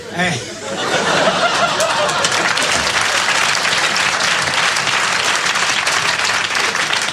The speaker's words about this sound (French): Applaudissez les conneries, on n'a pas fini.